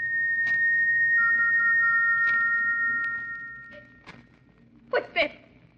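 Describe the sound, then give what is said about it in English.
An eerie, steady high whistle, heard late at night in a bedroom at Stoke Moran, England, as a storm brews, holds one pitch for about three seconds before fading out, with soft thumps scattered beneath it and two sharper knocks near the end. “Then she was rudely awakened by a peculiar sound.”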